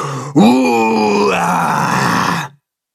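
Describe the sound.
Two creatures roar together at the top of their lungs, a loud, terrifying roar that rises sharply in pitch and then holds, rough and harmonic-rich, for about two seconds before cutting off abruptly. No one speaks over it.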